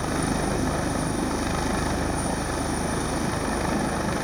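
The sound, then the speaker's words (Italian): A Coast Guard helicopter's rotor thuds in a steady, rapid beat as a diver is lowered from it into the water, its loud engine roar filling the air without pause and with no one speaking. “Nel pomeriggio, poco prima delle 5, quando le speranze di ritrovare il ragazzo erano sempre minori, un sommozzatore si cala in acqua dall'elicottero della Guardia Costiera e si assiste a un'immagine incredibile.”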